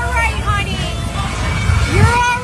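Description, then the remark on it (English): Children scream and shout in high, wavering voices while dangling upside down on Playland's Castaway Cove ride, which broke down mid-cycle. A steady hubbub of crowd noise runs beneath, with lower adult voices below calling out to reassure them throughout. “You can hear kids screaming in video posted to social media, with adults below trying to reassure them.”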